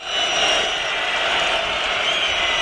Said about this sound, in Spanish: El penal va a favor de los franceses. Aplauden los franceses.